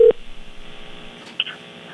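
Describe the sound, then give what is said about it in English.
Two short electronic beeps over a thin, hissy phone line, one at the very start and another a moment later, like touch-tone keys being pressed as Cruise FM radio dials a contest winner. “You ready to hear how that phone call went down a few minutes ago?”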